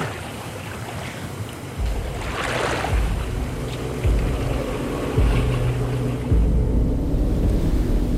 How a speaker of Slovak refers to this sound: Tam dole na rieke sa čosi pohlo. Noc je síce tmavá, ale mám pocit, ako by rieka šumela inak. Clivo, nepokojne.